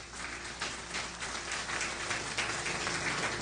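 A crowd applauds steadily, a dense, even crackle of many hands clapping at once that holds at a fairly constant loudness throughout, with no voices above it.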